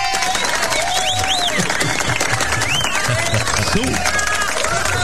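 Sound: round of applause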